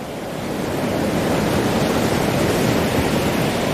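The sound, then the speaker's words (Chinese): Ocean waves break and wash on a shore where young killer whales are trained to use the waves, in a steady, loud, hissing roar with no pauses, swelling slightly at the start and holding constant throughout. No voices are heard. “虎鲸学徒需要感受海浪的力量，靠海浪推动自己靠近目标，再跟随海水后退，选择合适的时机咬住目标，然后利用下一波海浪转身返回大海。”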